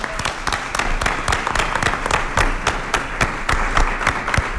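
An audience claps steadily for a few seconds, a dense, even patter of many hands at a fairly loud level, with no voices over it.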